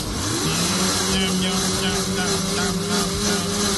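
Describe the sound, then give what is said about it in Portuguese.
A blender motor whirs steadily and loudly, blending milk, eggs, salt and green herbs into a smooth cream; a constant droning hum with a slight rise in pitch at the start, running without pause. “Bata no liquidificador até ficar um creme homogêneo.”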